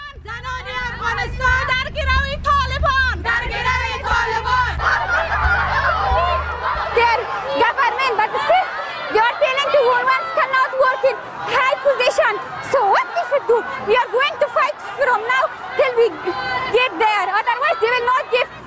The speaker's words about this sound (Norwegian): Vi hører litt fra en av demonstrasjonene. Nå må du som lytter nå se for deg en demonstrasjon i gatene i Afghanistan med kvinner med bannere som går i tog.